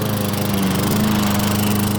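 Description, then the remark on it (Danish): A lawn mower engine runs steadily in a garden in summer, with a loud, continuous droning hum and a buzzing, slightly rattling texture throughout, with no voices. “du høre lyden af lave priser på sommer i haven.”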